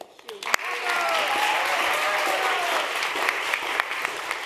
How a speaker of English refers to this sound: Applause there for Navi Pillay in Nuremberg there when she found out that she has been awarded this year's Nobel Peace Prize.